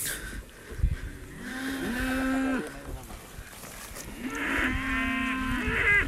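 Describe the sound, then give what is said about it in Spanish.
A fighting-breed cow, eating feed the rancher gives it from a sack almost by hand, moos twice at close range, each call a long, loud, resonant low bellow, with a short pause between them and faint shuffling background noise. “Tenemos la vaca justamente al lado. Estamos justo al lado de la vaca. Y está comiendo.”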